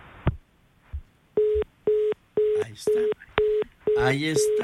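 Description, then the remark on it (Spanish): A telephone line tone on an incoming on-air call beeps in a steady on-off pattern, about six short tonal pulses over a few seconds, with a voice starting to talk over the final beeps. “A ver, vamos a ver, acá está el teléfono.”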